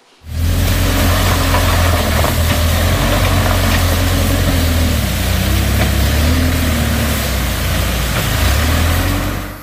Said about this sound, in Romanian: În ajutor a fost trimis și un buldo excavator al primăriei Nucșoara pentru a curăța drumul de nămolul și copacii aduși de viitură.